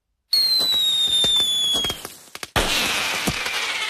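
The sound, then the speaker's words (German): Fireworks rockets whistle upward with a high, gliding shriek, followed by a scatter of sharp cracks and a loud burst of crackling that fills the last seconds; no one speaks. “Vor dem 1. August stellt sich darum auch dieses Jahr wieder die Frage, Feuerwerk ja oder nein?”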